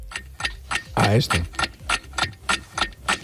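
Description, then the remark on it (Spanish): Clocks tick in a steady, brisk rhythm, about three crisp clicks per second, clear, while a short tonal, voice-like sound rises briefly in the middle. “Es el sonido de los relojes, ¿no?”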